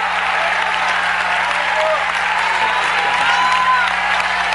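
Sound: audience clapping hands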